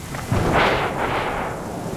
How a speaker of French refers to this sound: Et voilà, encore un éclair. Le tonnerre gronde, gronde. Oh. Il gronde de plus en plus fort.